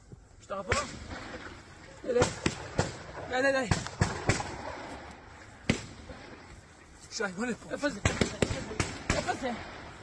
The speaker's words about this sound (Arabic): ننوه إلى هذه الصور التي يبدو أن أحد المستوطنين هو من صورها أثناء حادثة إطلاق النار. إذن في مستوطنة نيفيتسوف يظهر أحد المستوطنين وهو يختبئ، ونسمع أصوات إطلاق النار.